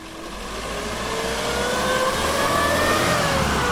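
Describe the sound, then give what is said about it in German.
The heavy engine of an old red Robur fire truck with a large turntable ladder, built in 1964 in Zittau in the GDR and serving in Seifennersdorf, revs up steadily, its pitch climbing as it accelerates and growing louder over a few seconds, with a rough, rumbling low end and no voices. “Wenn es brennt in Seifennersdorf, dann ist der alte rote Robur mit der großen Drehleiter oft ganz vorn mit dabei.”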